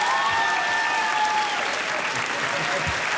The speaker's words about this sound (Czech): Jo, ale co je mu to platný, takovýhle potlesk neměl, víš?